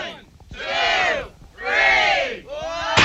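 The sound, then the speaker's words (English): A large crowd shouts a countdown in unison, three loud, drawn-out calls spaced about a second apart, the last cut short by a sharp burst at the end. “Okay, crowd, you going to count her down?”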